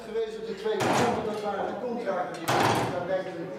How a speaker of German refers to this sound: Sekunde um Sekunde wie Hammerschläge. Das Uhrwerk, alte analoge Technik, aber präzise und mit dem Glockenspiel verbunden, das zu festen Zeiten erklingt.